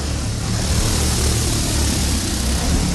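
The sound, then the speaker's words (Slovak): A powerful firefighters' propeller fan with about eight propellers, at the fire and rescue service headquarters in Liptovský Mikuláš, blows air with a steady, loud whooshing roar over a low droning hum, unchanging throughout with no voices. “Ono to naozaj trošku znie ako vrtuľník a má to naozaj aj vrtule.”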